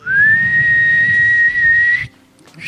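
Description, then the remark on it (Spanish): One person gives a loud, shrill whistle that slides upward and then holds a steady pitch for about two seconds, imitating a concert crowd's jeering whistle, over faint low background noise. “No sé si, chico, alguien sabe, si alguien no sabe hacer la silbatina como corresponde. Esa.”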